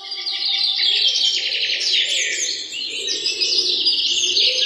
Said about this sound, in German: Das Morgenlicht schien zwischen den Blättern der Bäume hindurch und man hörte das nahe Zwitschern einiger Vögel.